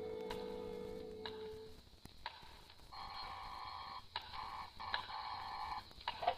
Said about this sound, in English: But you know better than to ring the phone now.